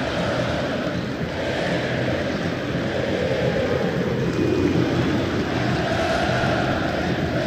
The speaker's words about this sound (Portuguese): A saída pertence ao time do Santos, apita o árbitro, começou, tá rolando o jogo no aniversariante Morumbi. Clássico Sansão pra torcida que conduz, fazer barulho, ouça a torcida tricolor.